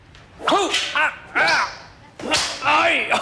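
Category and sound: impact, whip crack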